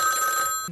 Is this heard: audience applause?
no